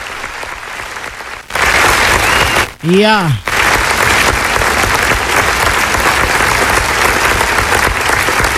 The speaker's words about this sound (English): And we want to say thank you for your 10 years of support, love, and loyalty. Let me give a round of applause for you guys. This one is for you.